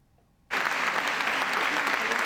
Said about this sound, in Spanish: Un largo aplauso tras su regreso 25 años después de convertirse en la primera mujer en denunciar acoso sexual en política.